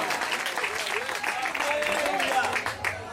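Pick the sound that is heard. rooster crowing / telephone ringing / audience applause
audience applause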